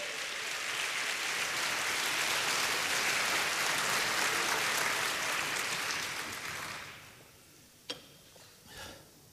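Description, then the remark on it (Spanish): An audience claps hands for the Lord in a dense, steady burst of applause for about six seconds, then it fades away, leaving a couple of sharp, isolated knocks and no talking. “Dele palmas al Señor.”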